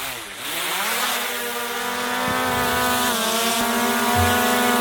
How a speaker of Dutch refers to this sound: Ja, dit is een drone die we hoorden, hè? Ja, precies. Ik dacht eerst vervelende muggen.